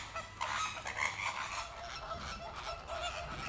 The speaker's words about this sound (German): Da sieht man wieder so einen typischen Streit. Also je mehr, desto glücklicher und je mehr Nachbarkeitsstreit gibt es. Ein bisschen Hickhack stimuliert bei den Flamingos das Brutgeschäft.